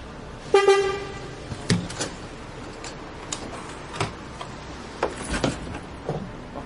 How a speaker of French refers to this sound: Le bus est là. Tiens, on charge le vélo.